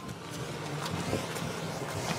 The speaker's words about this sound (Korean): 와, 저기 이상한 트랙터 있다. 여기 그 체험 마을에서 나온 것 같은데요?